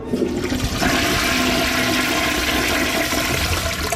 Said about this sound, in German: Und jetzt erst einmal die Klospülung. Achtung.